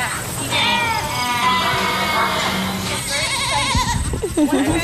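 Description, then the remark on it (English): A chorus of goats and sheep bleating over one another at the 55-acre Great Rock Farm in Georgetown, Massachusetts, home to more than 130 goats and twice as many sheep; wavering cries in overlapping pitches fill the whole stretch, with a busy rustling bed of farm noise beneath. “The 55-acre Great Rock Farm in Georgetown, Massachusetts, has more than 130 goats and twice as many sheep.”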